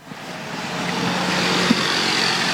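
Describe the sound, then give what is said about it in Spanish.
Steady road traffic hums outside the Petropar fuel station on Cerro Coray and General Santos, near Avenida Mariscal López, a broad engine rumble with a low droning tone, vehicles passing with no voices. “nos encontramos en Petropar, específicamente el que se ubica sobre Cerro Coray, General Santos, cerca ya de la avenida Mariscal López”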